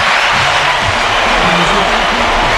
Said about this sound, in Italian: Mamma mia, che conduttore, facciamogli allora... gli applausi.